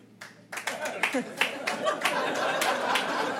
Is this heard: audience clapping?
yes